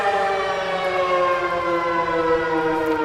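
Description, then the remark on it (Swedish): A civil defense all-clear siren sounds in the subway in Taiwan during a civil defense exercise, as one long, steady tone at a constant pitch, loud and unbroken for the whole stretch, with a rich stack of harmonics and no voices. “Ja, så här lät det när de blåste faran över i tunnelbanan häromdagen.”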